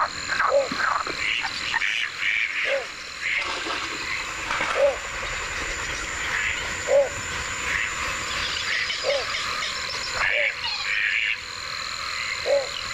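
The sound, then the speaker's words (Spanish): A wetland chorus of frogs croaking steadily at nightfall at the Ullal Valdoví in the Albufera, with a dense buzzing layer of calls and louder individual croaks recurring every second or two, with no talking. “seguimos en el Ullal Valdoví, pero al caer la noche, que es esa hora del cambio de guardia, donde los últimos sonidos del día dan paso a los tigres de la noche.”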